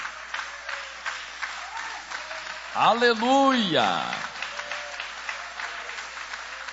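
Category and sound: crowd, audience applauding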